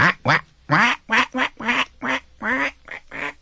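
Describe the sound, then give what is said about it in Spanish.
Ducks on a lake quack about ten times in quick succession, loud and nasal, in an uneven chattering rhythm with short gaps between calls and no voices, splashing with their wings. “Veía también a los patos, en su lago de espejo, que echaban relajo y se salpicaban con las alas.”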